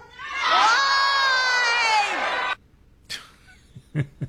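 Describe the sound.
A large rally crowd shouts back in unison, answering the question of what Trump did, a loud sustained roar of many voices for a couple of seconds, then cuts off, followed by a few scattered fainter shouts.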